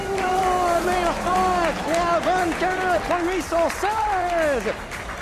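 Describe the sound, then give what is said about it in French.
Spectators in the grandstands at a motor race applaud for driver Sébastien Bourdais as he attacks the Ford chicane, steady, dense clapping running throughout, partly covered by a man talking over it. “Et ça applaudit dans les tribunes.”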